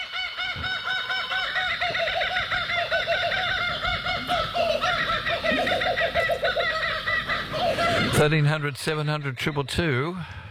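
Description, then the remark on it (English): Kookaburras laugh in a loud, raucous chorus of rapid, cackling calls that rise and fall steadily for about eight seconds, ending in a few louder, swooping hoots. “See, even the cookers are laughing at that.”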